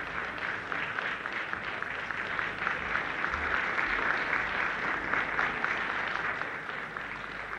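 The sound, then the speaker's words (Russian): A crowd applauds without pause for several seconds, many hands clapping in a dense, steady roar that holds an even loudness from start to finish, with no voices standing out. “аплодировали долго.”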